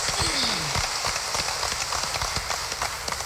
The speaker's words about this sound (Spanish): Está cumpliendo 15 años. Regalémosle por favor un fuerte aplauso a la monaguilla.